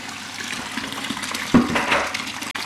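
Freshly pressed raw apple juice pours steadily from a spout into a glass, a continuous splashing gush that swells louder midway and then briefly cuts off near the end.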